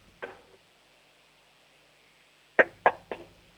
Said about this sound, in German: Du, dann hätte ich jetzt gesagt, du laufst zur nächsten Tür und klopfst mal ordentlich an die Tür, sodass es richtig schön bumpert.